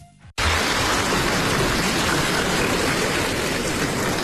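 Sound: audience applause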